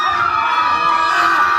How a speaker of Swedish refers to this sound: Och ljudet jag skickade till ChatGPT, det var det här ljudet. Skrikande barn. Gud, panik.